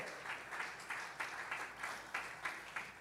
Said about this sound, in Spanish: Si le va a aplaudir, apláudale fuerte. Si le va a aplaudir, apláudale fuerte.